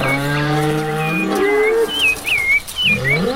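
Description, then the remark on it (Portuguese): An ox lets out a long, low, drawn-out moo, followed by quick high-pitched bird chirps and other farmyard sounds of chickens and hungry pigs in a pigsty in the background. “galinhada porcada com fome no chiqueiro, boi tufão dando ar da graça por aí”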